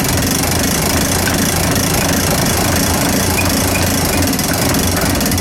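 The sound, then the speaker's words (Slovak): A mechanical clock's weight being wound up while a small auxiliary weight keeps the clock running: a loud, steady, continuous clattering whir of gears and ratchet, with a dense rapid rhythmic texture throughout and no talking. “A tým, že to funguje na to maličké závažie, tak hodina stále ide. Takže teraz natiahneme.”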